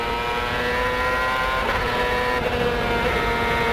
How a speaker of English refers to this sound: Coming off the last corner, let's listen to the engine now.